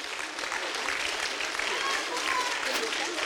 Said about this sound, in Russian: Ну, давайте еще искупаем в бурных аплодисментах.